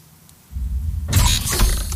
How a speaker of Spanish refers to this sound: Puerta abierta.